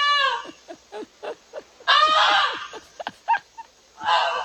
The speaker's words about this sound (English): I just really want to hear the goose again.